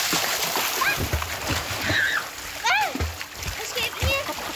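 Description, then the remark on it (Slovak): Repeated splashes as two people jump into water, mixed with excited children's shrieks and chatter, over a steady outdoor wash of water noise. “ako čľupli do vody.”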